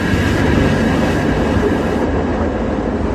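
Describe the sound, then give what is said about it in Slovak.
Tram cars creak and rumble steadily along the rails as the tram speeds downhill toward the Amfiteáter stop, its driver vainly trying to slow it; a loud, continuous roll of metal-on-metal noise with no voices heard. “Počuť iba vrzganie vozňov, ktoré sa rútia dolu kopcom.”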